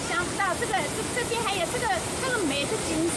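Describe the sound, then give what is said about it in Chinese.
A steady, dense roar of rushing water pours continuously from the Langzhuang waterfall in Taxi Village, Chenxi Township, where water spills over a dam crest with a drop of more than 10 metres, with indistinct voices of tourists rising and falling above it. “每逢节假日，山谷间欢声笑语不断，有人驻足观景，欣赏飞瀑流泉，有人踏水溯溪，尽享清凉野趣。”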